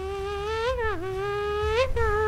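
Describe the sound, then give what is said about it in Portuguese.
A loud, steady high-pitched Formula 1 engine buzz whines like a mosquito, its pitch swooping down and back up twice as if passing by, with no voices present. “Está mais pernilongo de madrugada do que.”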